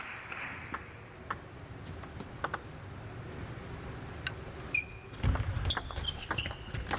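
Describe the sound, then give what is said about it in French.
A table tennis rally in a match between Harimoto and Xiangpeng, with a forehand smash over the table: a string of sharp, light ball hits ticking out at an uneven pace over low background hum, then a few louder hits as a broad rumbling noise swells near the end. “Belle claque du coup droit au-dessus de la table.”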